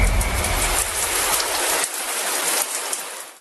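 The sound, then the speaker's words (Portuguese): A jingle for a show's 'send someone to the shower' segment: a steady, loud hiss of spraying water like a running shower pours out for a few seconds with no voices, thinning slightly toward the end, with a faint high tone above it. “E o chuveiro tem vinheta.”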